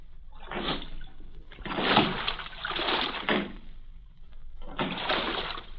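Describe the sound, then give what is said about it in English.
Oars dip and pull through water in a steady rhythm as a small rowboat carrying a passenger and guards rows out of a harbor; four broad splashing strokes with short pauses between, moderately loud, no voices. “I sat in the stern sheets with a guard on each side of me in the little boat.”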